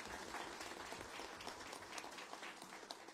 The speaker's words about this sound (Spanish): De aplauso a nuestra madre del Carmen.